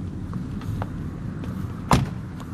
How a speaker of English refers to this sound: So we just got out of the car